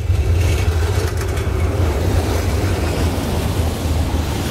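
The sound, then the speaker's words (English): Dense city traffic rumbles steadily at a busy junction in Prague, Czech Republic, engines droning and revving over a constant low roar, as cars, vans, tourist buses and clanking trams pass through; no voices. “At this junction in Prague, there are cars, vans, tourist buses I can see, clanking trams, competing for space.”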